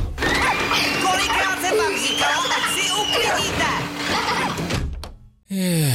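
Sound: door opening and closing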